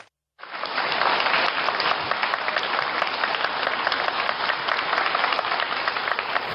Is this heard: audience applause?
yes